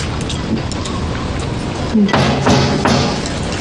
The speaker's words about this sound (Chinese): 你敲门啊！ 嗯，敲门。 谁这么晚了？来了。谁？